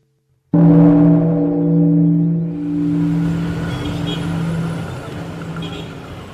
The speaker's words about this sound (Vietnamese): Mặt trời lên, thành phố bắt đầu đông hơn, những con đường đầy tiếng xe, tiếng còi, tiếng bước chân.